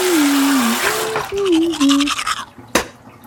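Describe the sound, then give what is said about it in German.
Someone brushes their teeth with a toothbrush and toothpaste in quick scrubbing strokes, humming a wavering tune through it, then a brief watery splash and a sharp tap near the end. “Ups, jetzt ist der Wasserhahn aufgeputzt mit meiner Zahnpasta.”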